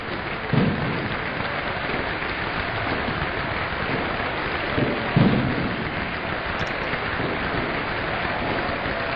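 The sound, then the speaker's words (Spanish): A large stadium crowd gives a sustained, roaring ovation for Bocha, everyone applauding him, dense clapping and cheering blending into a steady wash of noise, with a couple of louder swells along the way. “La ovación recrudece, está todo el mundo aplaudiéndolo, lágrimas en los ojos de los jóvenes y de los viejos.”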